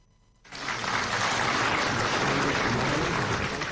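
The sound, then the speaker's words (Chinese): Sustained, dense applause as the newly elected 18th Politburo Standing Committee walks into the East Hall of the Great Hall of the People on 15 November 2012. It bursts in after a brief quiet and rolls on steadily in a big reverberant hall. “2012年11月15号，新当选的十八届中央政治局常委在热烈的掌声中步入人民大会堂东大厅，在这万众瞩目的时刻，习近平总书记庄严宣誓：”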